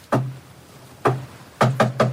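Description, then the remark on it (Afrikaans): Knocking on an office door: two spaced knocks followed by a quick run of three, hollow, with no voices. “Klop, Janu.”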